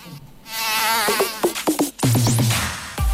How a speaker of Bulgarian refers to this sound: Лето е, прозорците отворени, терасата е омилено место за кафе, ама тука се појавува непоканетиот гостин комарецот.